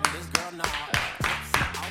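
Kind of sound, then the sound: crowd, timid applause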